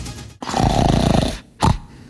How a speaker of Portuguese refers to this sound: Você ronca?